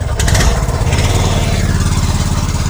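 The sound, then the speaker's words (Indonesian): The engine of a small ketinting longtail motorboat runs steadily, a loud rattling putter with a fast, even pulse, heard alone without any talking, as the boat carries travellers on a trip of about one hour to the village of Korowai Batu. “Ya, pendengar, saat ini kami akan melanjutkan perjalanan dengan menggunakan perahu ketinting, di mana kami harus menempuh perjalanan sekitar 1 jam untuk dapat sampai di kampung Korowai Batu.”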